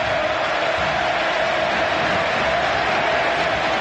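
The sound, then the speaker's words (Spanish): A huge stadium crowd at the Nuevo Gasómetro roars in sustained ovation for Rubén Insúa, a dense, loud wall of cheering and shouting that holds steady without pause throughout. “Escuchá cómo lo recibían en el nuevo gasómetro. El primer equipo titular de Russo y una gigante ovación para Rubén Insúa.”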